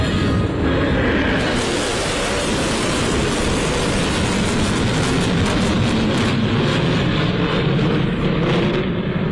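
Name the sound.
military jet aircraft flyover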